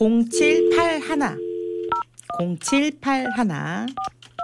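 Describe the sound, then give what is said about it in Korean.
Telephone dialing tones as the host places an outgoing call to a listener who sent a text: a steady tone followed by a few short keypad beeps, fairly clear, with voices talking over much of it and a low hum underneath. “이분 한번 전화를 한번 해보도록 하겠습니다.”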